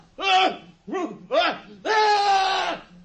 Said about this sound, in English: That scream! It was horrible! What can it mean?